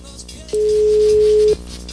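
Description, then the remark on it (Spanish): A phone ringback tone sounds once while placing a call: a single steady electronic beep lasting about a second, clear and prominent over a low, continuous background hum. “Ahí está dando los tonos.”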